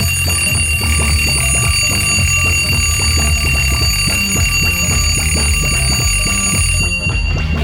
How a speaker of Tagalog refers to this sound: Yon, natin, nandalahig pa ta sa alarm clock.